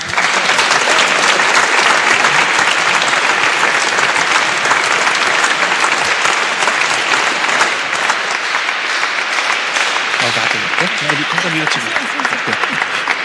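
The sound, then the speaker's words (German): Sustained, loud applause from an audience fills the whole stretch, a dense steady clatter of many hands clapping; toward the end a few voices become faintly audible beneath it. “Großer Applaus noch einmal.”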